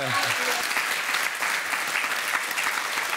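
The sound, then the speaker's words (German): Steady applause from a group, dense rapid clapping that stays fairly loud and even throughout, with a brief voice murmur at the very start. “Da gibt's Applaus.”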